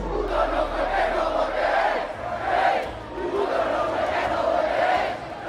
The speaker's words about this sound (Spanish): El Día de la Hispanidad termina con tensión en las calles. Tras el desfile militar, varios asistentes se desplazan hasta la acampada por la vivienda en la Puerta del Sol. Un enfrentamiento con gritos e insultos.